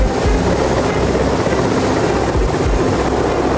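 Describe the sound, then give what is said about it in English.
A helicopter in flight, heading further into a gorge towards Betravoti, its loud, steady rotor and engine roar filling the whole stretch with a constant drone and faint rhythmic thumping underneath. No voices. “We get back onto the chopper, heading further into the gorge towards Betravoti.”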